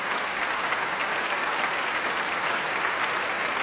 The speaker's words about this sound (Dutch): Maar dit applaus houdt dan nog wel even aan. Nu ook de orkestleden van het Nederlands Philharmonisch gaan staan.